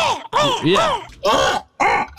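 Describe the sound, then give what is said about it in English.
A person imitates a crow with four loud, raspy caws, each a gargling, throaty burst with wavering pitch, separated by brief pauses. “that kind of gargle sound, I would always do a crow sound like, right.”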